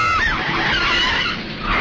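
A car skids hard, its tires screeching loudly and steadily for nearly two seconds with a wavering, squealing pitch over a rough road roar, close by and with no voices.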